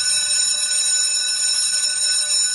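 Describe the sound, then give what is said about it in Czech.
A school bell rings continuously, a loud, steady metallic clanging with bright harmonic tones held throughout, unbroken, with no voices present. “No a dneska už tedy, ano, přátelé, byl velmi aktuální tenhle ten zvuk, na který se asi žáci nebo studenti moc netěšili.”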